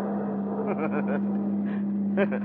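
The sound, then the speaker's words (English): A car engine drones steadily, a constant low hum as the vehicle drives along, leaving downtown traffic behind, with brief bursts of indistinct voices over it. “And then as you leave the downtown traffic behind you”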